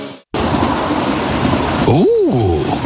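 A passing express train with a loud, steady rumble of wheels on the track. Near the end its horn sounds, its pitch rising and then falling as it rushes past.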